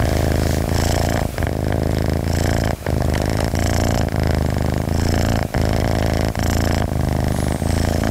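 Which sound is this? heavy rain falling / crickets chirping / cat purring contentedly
cat purring contentedly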